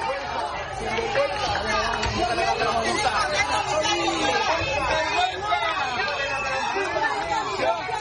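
A large crowd of residents in Ceuta shouts and chants in protest at Spain's health minister, Mónica García, on her visit, a dense, steady roar of many overlapping voices with no single speaker standing out, sustained loudly for the whole stretch.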